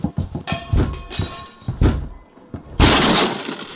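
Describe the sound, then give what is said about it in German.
A door is forced open: several heavy, irregular thuds and bangs, then a loud splintering crash with a rush of breaking debris, no voices. “machen oder wir brechen die Tür auf.”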